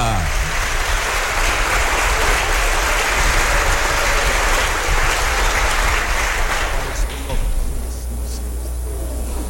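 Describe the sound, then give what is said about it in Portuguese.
A crowd at a religious celebration claps loudly and steadily for Nossa Senhora do Patrocínio do Santíssimo Sacramento in a dense, sustained wash of applause that fades down near the end, with some voices mixed underneath. “Mais forte as nossas palmas para Nossa Senhora!”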